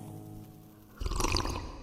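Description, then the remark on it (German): Sparkling mountain mineral water is poured, a sudden splashing, fizzing gush that starts midway and keeps bubbling to the end, preceded by a low, steady hum. “Seelenrund und prickelfrisch kommt es heute auf den Tisch. Aus den Bergen rein und klar sprudelt es in den Mündern zwar.”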